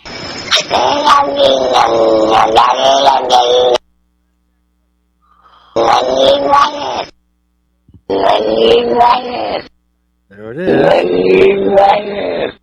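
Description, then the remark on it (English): A cat's meows played in reverse: four loud, drawn-out, wailing calls with a strange, voice-like quality, each lasting a couple of seconds and separated by short silences. “Can we hear that cat just one more time? All of it, all the way through.”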